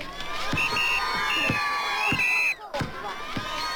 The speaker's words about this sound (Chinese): 朱德在球场上和战士们奔跑、抢球、投篮，你争我夺， 引起全场观众阵阵掌声和叫好声。